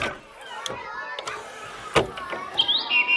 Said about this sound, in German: So schön singt die Amsel. Da kann die Krähe nicht ganz mithalten.